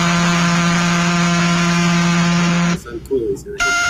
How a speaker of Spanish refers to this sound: sonido pulsar del universo.